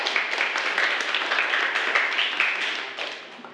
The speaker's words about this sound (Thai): เป็นคำตอบที่ถูกต้องเลยนะครับจากนักเรียนทั้งสองคนขอเสียงปรบมือให้กับเพื่อนครับ